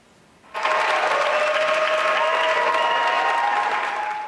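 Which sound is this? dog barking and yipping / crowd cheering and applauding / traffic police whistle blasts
crowd cheering and applauding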